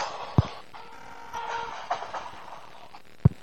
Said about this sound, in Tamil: என் train வந்துருச்சக்கா, வாங்க தேடுறேன்.